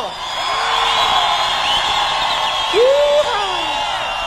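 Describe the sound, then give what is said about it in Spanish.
An audience at a live music performance shouts and cheers together on the performer's prompt, a dense, sustained roar of many voices with rising whoops poking through, loud and continuous throughout. “A ver ese grito.”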